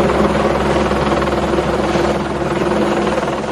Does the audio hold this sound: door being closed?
no